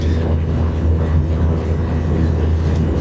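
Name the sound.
airplane engine noise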